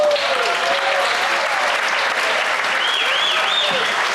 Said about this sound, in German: Und wenn es Ihnen richtig gut geschmeckt hat, gibt es noch einen richtigen, kräftigen Applaus hinterher.